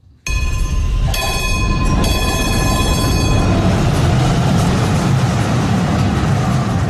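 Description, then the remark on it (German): An electric tram in Braunschweig rumbles loudly and steadily along the tracks, with a high metallic tonal whine or squeal over the first few seconds before settling into continuous rolling noise. “Viele Menschen pendeln täglich mit den Braunschweiger Straßenbahnen.”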